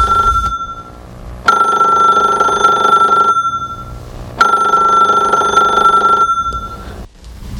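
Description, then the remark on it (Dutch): A telephone rings twice with a loud, steady electronic trill, each ring lasting about two seconds, separated by a short pause, clear with no talking. “Oh, telefoon.”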